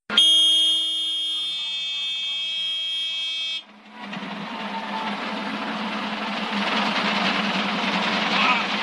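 A loud, steady low main rotor RPM warning horn in a single-engine helicopter blares for about three and a half seconds, then cuts off abruptly, giving way to a roaring, rushing wash of helicopter noise.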